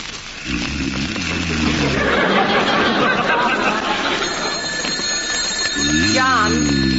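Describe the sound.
A telephone rings loudly and insistently, its buzzy, harmonic ringing tone repeating over a dense, noisy background, with a rising, voice-like tone near the end.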